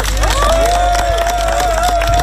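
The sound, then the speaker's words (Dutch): A crowd applauds steadily with dense clapping, while a long, high cheer or whistle rises above it. The ovation is loud and continues throughout; applause for the winner of a culture prize. “Dus een heel erg hartelijk applaus”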